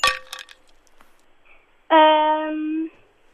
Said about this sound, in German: Wir drehen die 7 um. Nein. Oh nein. Leider die Eiswürfel.